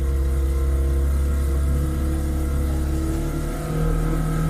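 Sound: motorboat engine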